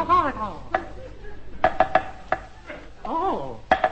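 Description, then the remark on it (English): Digging during the night: a run of sharp, ringing metallic strikes like a spade hitting earth and stone, some in quick pairs and triplets, with brief voiced grunts or strained vocal sounds between them. “During the night, those concerned continued their digging.”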